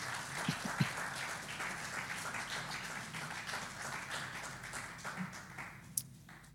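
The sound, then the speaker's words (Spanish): An audience applauds for the Lord in a steady, dense wash of overlapping claps that holds for several seconds, then thins out toward the end. No one speaks over it. “Le puedo dar un aplauso al Señor para que no haya tanto silencio.”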